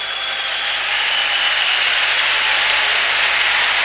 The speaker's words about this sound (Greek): Ο Τσέντι Όσμαν, ενώ χειροκροτείται, έχω την εντύπωση ο Άλεν, έτσι νομίζω. Γιατί αυτό αποχώρησε και ακούστηκε ένα χειροκρότημα από μια μερίδα του κόσμου.